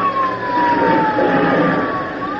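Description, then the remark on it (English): A small airplane engine being started roars loudly, a dense steady rumble with a thin whining tone that slowly slides downward across the whole stretch. “Let me get this crate started.”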